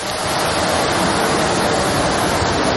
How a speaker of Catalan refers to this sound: Ja ho senten, la intensitat de la pluja és molt forta. De fet, Protecció Civil ha enviat un tercer missatge és alert per a aquestes pluges, en aquest cas a Granollers, per la previsió de pluges torrencials fins les dues de la matinada.